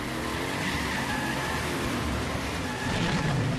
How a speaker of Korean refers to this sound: 그렇게 나오신다면 슈퍼치타 트럭 전속력으로!